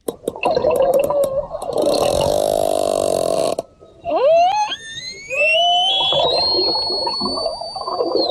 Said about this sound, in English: The sound of orca... Whoa. Get even louder. Sound of orca whales in the Strait of Gibraltar, where Spanish officials have launched an investigation after the matriarch of a pod of whales known for jostling boats off the Iberian Peninsula